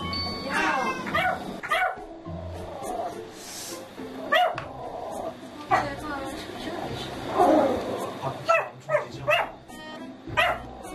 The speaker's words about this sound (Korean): 이번엔 강아지 하미도 짖기 시작합니다.